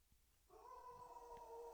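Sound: dog howling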